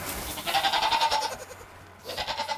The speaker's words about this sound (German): Das sind Hanni, Nanni und Mama Erna. Der Wildpark gibt jedes Jahr Ziegen ab.